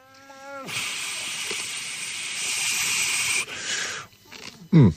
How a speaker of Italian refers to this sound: Nel frattempo, mentre grana la macchina, io parlo un po' per nascondere questo rumorino.